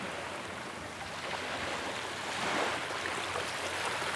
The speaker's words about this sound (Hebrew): לאט לאט אתם יכולים להעביר את תשומת הלב שלכם, המצילים של הים, לגלים שעוטפים אותנו.